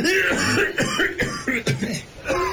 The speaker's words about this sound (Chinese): 一怒之下，忽然使得杨昌济的浓痰涌上来，接着是一阵猛烈的咳嗽。这一阵大咳，警察倒是被吓走了，却急得杨开慧一直捶背不止。